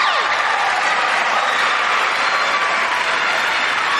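A quiz show studio audience claps and cheers for a contestant in a dense, steady roar that holds at an even, loud level for about four seconds, with no talking over it.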